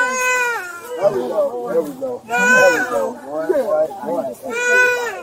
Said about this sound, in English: cleared the infant's airway, and the child soon began crying and breathing again.